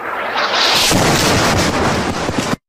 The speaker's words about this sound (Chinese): 画面被爆炸的火光填满，随后信号中断。